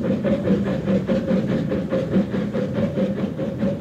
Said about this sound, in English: I closed my eyes, lulled by the motion of the train, but not the least bit sleepy.